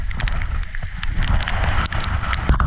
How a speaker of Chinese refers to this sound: 乌云密布，瞬间下起了比黄豆还要大的冰雹。 哇，冰雹太大了。 此时我们的摄像师用运动摄像机记录下了队伍遭遇冰雹的一刻。